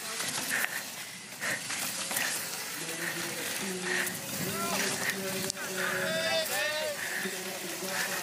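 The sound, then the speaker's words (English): A female rider breathes heavily inside her helmet during a Rampage run, with steady, rhythmic breaths over constant rushing noise, and a few short voiced grunts and tonal sounds cutting in along the way. “You can hear her breathing inside that helmet.”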